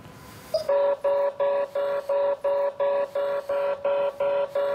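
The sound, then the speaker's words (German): An explosive trace detector, testing a sample strip wiped with a test pen, sounds its alarm: a loud, steady series of about eleven identical electronic beeps at a mid pitch, evenly spaced in a fast, regular rhythm, with no talking. “Alarm quittieren, Probestreifen entnehmen.”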